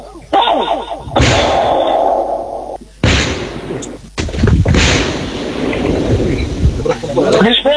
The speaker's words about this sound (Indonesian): Tim penjinak bom Jibom Gegana Satlima Polda Papua melakukan disposal atau pemusnahan bahan peledak sisa Perang Dunia Kedua berlangsung di Mako 4 Batalion Aplopor di Kampung Sunyar Distrik Indidori Senin 8 Juni 2026.